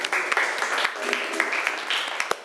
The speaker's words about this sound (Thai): ถือว่าดีมากๆเลยค่ะนักเรียนปรบมือให้เพื่อนหน่อยค่ะ